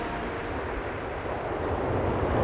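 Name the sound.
ocean waves and surf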